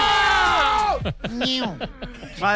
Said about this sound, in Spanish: Madre mía, que se junta aquí con todos mis amigos. Por favor, no gritéis tanto que me estáis saturando el sonido.